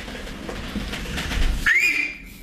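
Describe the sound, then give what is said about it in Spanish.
A single loud, shrill human whistle that rises in pitch and holds briefly, following a couple of seconds of rough, rushing background noise. No one speaks. “No, no, si querés te chiflo fuerte.”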